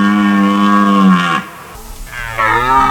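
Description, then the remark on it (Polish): A red deer stag bellows in rut: two long, deep, harmonic roars, the first sustained and falling at its end, a brief rough pause, then a second rising groan, loud with no voices. “Rykowisko jeleni to także sygnał zmian w przyrodzie.”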